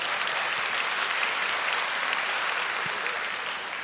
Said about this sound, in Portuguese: O que nos traz, pode aplaudir o Senhor bem forte.